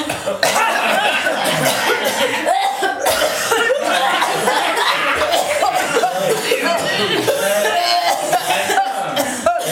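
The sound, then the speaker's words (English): An audience coughs repeatedly on request, overlapping, a dense burst of scattered coughs from many spots, mixed with some chuckling and laughter. “Can somebody cough, please?”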